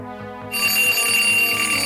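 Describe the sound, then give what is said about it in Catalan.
An alarm clock rings loudly and continuously, a bright metallic bell clatter that starts after a short lead-in and keeps going without pause, with no voices. “Oh, aquest despertador!”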